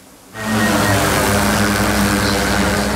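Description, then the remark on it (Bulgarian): After a brief hush, the loud, steady buzz of police drone propellers kicks in abruptly and holds constant, a droning whir with a tonal hum underneath, during a midnight operation against traffic offenders across Burgas region, Bulgaria. “Полицейски екипи и дронове в среднощна акция срещу нарушителите на пътя в цяла област Бургас.”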